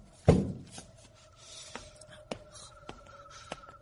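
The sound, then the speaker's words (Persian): A chair is set against a door that has no lock: a heavy wooden thud, then soft scraping and rubbing with a few light knocks and a faint, thin creak running underneath. “این یکی قفل نداره، یه صندلی پشتش میذارم.”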